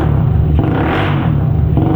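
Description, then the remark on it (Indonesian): A motorcycle with a loud modified exhaust muffler roars, a harsh, continuous rumble that swells briefly in the middle as the engine is revved, then settles back to a steady growl. “Suaranya terdengar sangat bising dan memekak di telinga papa, nak.”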